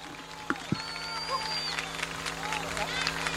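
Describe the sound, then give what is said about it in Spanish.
An audience applauds the departing percussion section of the murga Los Bisnietos with steady, dense clapping mixed with crowd noise, while a few thin whistle-like tones glide above it and a low hum runs underneath. “Oye, aplauso grande para los bisnietos, claro.”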